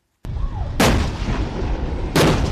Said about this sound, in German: Im Morgengrauen feuern M60-Panzer auf Pengshu. Die Inselgruppe liegt mitten in der Taiwanstraße. Ein mögliches erstes Ziel bei einem chinesischen Angriff. 10 Tage lang probt Taiwan den Ernstfall, eine chinesische Landung.